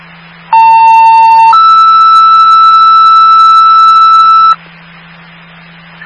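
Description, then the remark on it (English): Fire dispatch radio alert tones before a medical mutual aid call in Munson: a loud, steady tone for about a second jumps to a slightly higher pitch held for three more, then cuts off, leaving a low hum and radio hiss. “16, stand by for the tones.”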